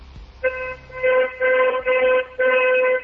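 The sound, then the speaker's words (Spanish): A car horn honks loudly in a quick series of about five blasts, the first drawn out, the rest shorter and separated by brief gaps. “¿Sí se escuchó mi claxon?”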